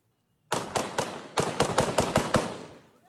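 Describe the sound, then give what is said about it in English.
A burst of gunfire during an attack by forces loyal to an ousted governor in the Baidoa region of southwest Somalia: about ten sharp, cracking shots in quick, irregular succession, each echoing briefly. Loud, fading off at the end, with no voices. “Explosions and gunfire were heard as forces loyal to an ousted governor launched an attack.”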